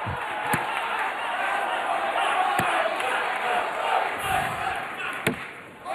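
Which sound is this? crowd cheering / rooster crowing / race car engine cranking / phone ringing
crowd cheering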